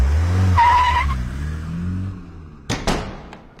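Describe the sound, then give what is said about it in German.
A car rumbles in and its tires give a short, high screech as it stops, followed a moment later by two sharp, loud knocks. “wir bräuchten dann einen Wagen, bitte.”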